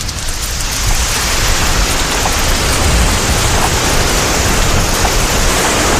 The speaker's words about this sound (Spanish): De vuelta al borde del desierto en Marruecos, ha caído la tarde. Las nubes ya están aquí y atraviesan las redes. Y entonces aparece el agua, gota a gota, sin lluvia.